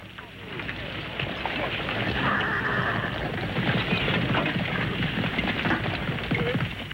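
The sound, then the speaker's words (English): A company of horses and riders sets off together on command, hooves clattering in a dense, steady rush with a whinny rising over the busy, noisy scene. “Now on your horses. Trifon, I want to speak with you. Company, forward!”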